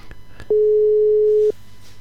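A single steady telephone line tone sounds for about a second, loud, preceded by a couple of faint clicks and followed by quiet line hiss, as a radio host tries to reach a listener by telephone.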